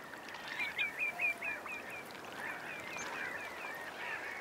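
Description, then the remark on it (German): A noisy colony of black-headed gulls, with a rapid series of sharp, high calls up front over a constant chatter of many birds calling at once. “Die Schwarzhalstaucher mögen die Nähe der lärmenden Lachmöwenkolonie.”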